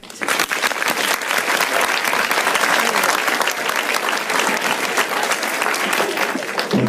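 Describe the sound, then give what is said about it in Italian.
A large audience applauds steadily in tribute to the Italian actor Nino Manfredi, a dense wash of many hands clapping loud, sustained without pause for several seconds. “Questi applausi sono tutti per lui.”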